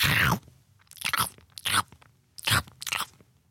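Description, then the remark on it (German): Loud, crisp crunching of raw carrots being chewed by someone eating carrots one after another on a train. There are about five sharp bursts in an irregular rhythm with brief quiet gaps between bites, and no talking. “Es dauert ja eine Weile, bis man so eine Möhre geschnurpst hat. Und es ist so laut.”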